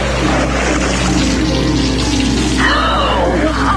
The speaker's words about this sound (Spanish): Fue cubierta de sangre de cerdo.